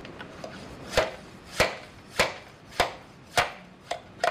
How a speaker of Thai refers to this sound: พอเราผ่าไม้แบบส่วนที่เราอยากได้แล้วเนาะเราก็เรียกว่าเอามีดอะครับมีดตัดแต่งกิ่งแบบนี้เนาะกับปลอก